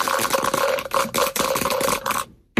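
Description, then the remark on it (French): Dice for a board game are rolled, rattling and clattering continuously for a couple of seconds in a busy clicking tumble, then stop abruptly into silence; the roll comes up 3. “Vous donnez le top, on lance les dés pour vous.”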